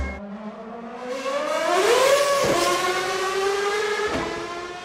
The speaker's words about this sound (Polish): A poznajesz po odgłosie, co to za samochód był tutaj, czy nie? Prawdopodobnie V8, tak? Pod maską, albo V10, ale brzmi to bardziej na V8.